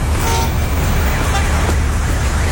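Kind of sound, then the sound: vehicle, traffic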